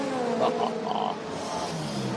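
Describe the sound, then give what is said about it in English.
A V12 race car engine screams at high revs as the car leaves the pit lane during an endurance race, a steady harmonic roar with a slight climb in pitch toward the end, loud and continuous with no voices. “Mechanic, I think, just clearing all the debris from the side pods, and listen to the V12 as it screams off a pit lane.”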